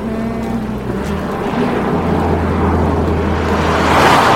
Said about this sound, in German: Der Wagen rast dicht an Nele vorbei.